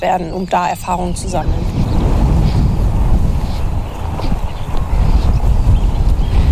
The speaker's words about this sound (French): Il y a beaucoup trop de vent!